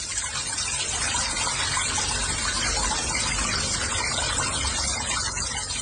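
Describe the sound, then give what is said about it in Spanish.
Water pours steadily from a tap in Guadalajara, a constant hissing gush that fills the whole stretch without pause or variation, with no voices over it. “Este es el agua que está saliendo aquí en Guadalajara.”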